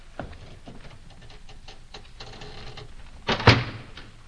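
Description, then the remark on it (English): A heavy door swings shut on a prisoner with a loud clunk after a few scattered clicks and rattles of metal, then the sound fades into a quiet room tone. “The door is up. Cork up our prisoner.”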